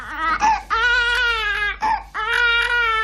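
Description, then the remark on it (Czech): A baby girl, aged between 10 and 20 weeks, cries loudly in long, wailing bursts, broken by brief gasping pauses for breath, with no one else speaking. “Tak to děvčátko říká, já jsem starší 10 týdnů a jsem mladší než 20 týdnů.”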